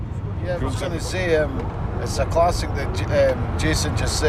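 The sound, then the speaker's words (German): Steady low rumble of road noise inside a moving car on the long drive from Edinburgh to Glasgow to a football match, continuous throughout, with people talking over the droning engine and tire sound. “zwei Tatenarmee-Veteranen, die ihr Team seit Jahrzehnten auf vielen Auswärtsfahrten begleitet haben, nehmen mich im Auto mit zum Spiel.”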